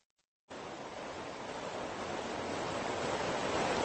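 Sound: small waterfall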